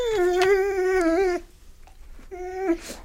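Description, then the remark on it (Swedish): A dog named Luffe howls loudly: one long, steady, wavering howl, a brief pause, then a shorter second howl that breaks off abruptly. “Gordon visste inte att hundar kunde yla så högt.”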